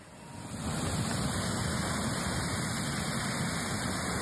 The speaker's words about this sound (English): the tower of water reaches into the sky, then catches the first rays of the rising sun.